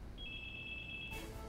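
A single electronic telephone ring at a radio station as a listener call-in segment begins, a steady high-pitched tone lasting about a second over a low background hum, with no voices.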